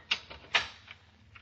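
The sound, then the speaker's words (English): A door lock being turned to lock a door: two sharp metallic clicks about half a second apart, followed by a few fainter mechanical ticks, over a low background hum. “I'm taking the liberty of locking the door so we won't be disturbed.”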